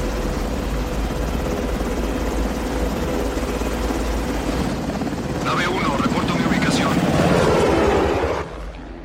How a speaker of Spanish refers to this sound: Un helicóptero sobrevuela el río cerca del edificio.